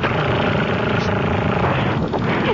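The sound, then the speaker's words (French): A steady, loud engine roar with a broad rumbling drone, like an aircraft passing overhead, filling the whole moment without pause. “L'avion est bien passé dans le ciel”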